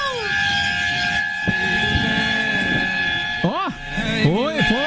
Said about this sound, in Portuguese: Na buzina, então. Uma buzininha aí pra alegrar o ambiente. Alegrou, tô vendo. Alegrou muito o ambiente aqui.